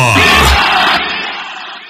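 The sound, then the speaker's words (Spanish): In a radio promo for La Tremenda celebrating the month of the Grito in Mexico, a crowd shouts together in a loud, roaring burst. The voices blend into a broad cheer that holds steady, then gradually tapers off over about two seconds. “¡Grita fuerte! ¡Grita México!”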